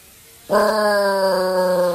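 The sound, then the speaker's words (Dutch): A dog, Smokey, howls along with the outdoor air raid siren during its test on the first Monday of the month: after a brief quiet moment, a loud, sustained, steady-pitched wail with rich harmonics begins abruptly and holds to the end. No one speaks. “Luister maar, jij, als je goed luistert, hoor je ook het luchtalarm.”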